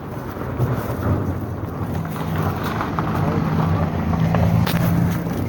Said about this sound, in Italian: Al tempo era passata una macchina.